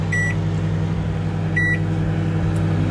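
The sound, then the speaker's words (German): A microwave oven hums steadily in a radio studio, cooking Kaiserschmarrn batter in a buttered dish, and two short electronic beeps sound over it, one near the start and another about halfway through. “So, das Ganze dann in eine gebutterte Form und ab in die Mikrowelle.”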